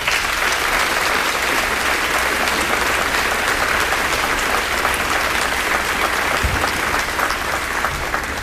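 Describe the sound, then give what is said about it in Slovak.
Sustained applause from a large audience celebrating a radio broadcasting jubilee, a dense, steady wash of clapping that holds at an even, fairly loud level throughout with no voices rising above it. “A myslím si, že to je jubileum, ktoré si rozhodne zaslúži váš potlesk.”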